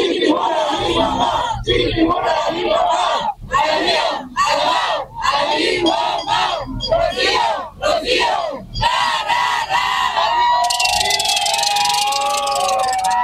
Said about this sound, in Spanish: Así fue recibida la presidenta Claudia Sheinbaum Pardo en Veracruz, donde celebró su segundo informe de gobierno. El nombre de la gobernadora Rocío Nale García también se hizo escuchar entre la porra.